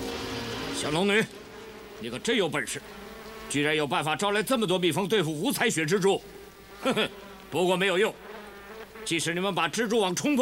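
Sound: swarm of bees buzzing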